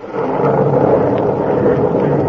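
thunder

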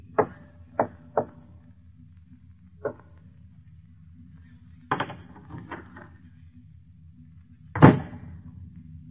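door being opened

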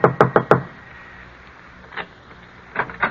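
knocking on a door

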